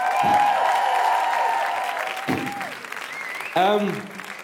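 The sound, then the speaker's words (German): An audience claps steadily at moderate volume for a DJ, a dense wash of many hands, with voices and whoops rising over the applause near the end. “Und für DJ David auch noch bitte einen Applaus.”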